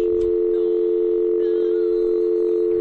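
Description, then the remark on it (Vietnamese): A steady, continuous telephone dial tone hums loudly and evenly throughout, with faint background noise and a small click near the start as the handset of a malfunctioning telephone is picked up to test whether it works. “thử nhấc điện thoại xem có được không.”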